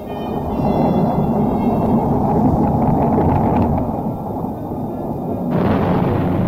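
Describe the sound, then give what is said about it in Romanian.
A heavy thunderstorm through the night roars steadily, torrential rain pouring down under a deep, continuous rumble of thunder, loud throughout with no voices. “Faluri, faluri de apă se revărsau din înaltul cerului înnecând totul”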